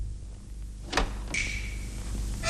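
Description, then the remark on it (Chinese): A latch clicks, then the door of the Li family's house swings open with a long, high-pitched creaking squeal, moderately loud, over a steady low background hum, with no talking. “开门。”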